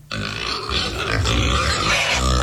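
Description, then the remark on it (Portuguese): A pig searching for food on a small farm in the early morning grunts steadily and loudly, a low, rough, snorting rumble that runs almost unbroken for a couple of seconds with no one talking over it. “Olha o porco procurando comida.”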